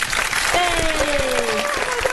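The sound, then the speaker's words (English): An applause sound effect played in a studio: dense, continuous applause from a sizeable crowd, steady and fairly loud throughout, with a faint sustained whistle-like tone sliding slightly downward partway through. “Wait, I've got applause.”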